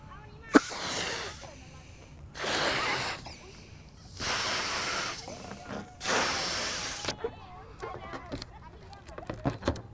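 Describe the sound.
Someone blows hard into a balloon in four long, breathy puffs separated by short pauses, filling it with exhaled carbon dioxide in a demonstration comparing it with helium. Quieter voices and small sounds follow afterward.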